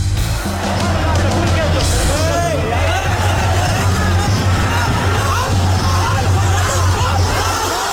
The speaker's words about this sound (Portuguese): Comemoração do gol que classificou o Brasil para as oitavas de final da Copa do Mundo poderia muito bem ser de algum lugar de Copacabana, no Rio de Janeiro, Salvador, mas é de Dhaka, capital de Bangladesh.